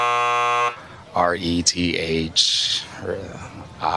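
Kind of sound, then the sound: signal or alarm, buzzer sounding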